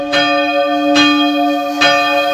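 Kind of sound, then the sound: signal or alarm, bell ringing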